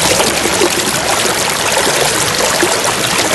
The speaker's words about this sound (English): I also got a message through saying the sound of running water. Now, if you do need to use a bathroom right now, block your ears because this one might push you over the edge.